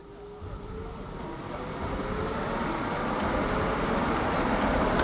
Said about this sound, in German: Ah ja, guck mal, hier kommt jetzt gerade die Straßenbahn. Wir können auch mal die aufnehmen.